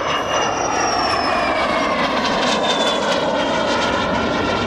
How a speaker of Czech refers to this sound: Nakonec přiletělo 87 letadel, ale plus počítáme ty, které jsou i místní a československý, takže padl rekord 101 letadel československé výroby na jednom místě.